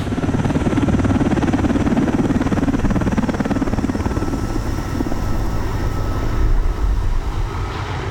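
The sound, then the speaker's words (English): A loud, steady engine of the aircraft Zulu Hotel Echo, which has given a lift, drones for the full eight seconds, a continuous heavy roar with a deep rumbling low end and a faint high whine, with no voices. “Thanks for the lift, Zulu Hotel Echo. When you get back to base, call Sands and Bouchard HQ”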